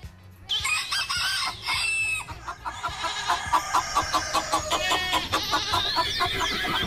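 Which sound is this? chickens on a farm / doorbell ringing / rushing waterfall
chickens on a farm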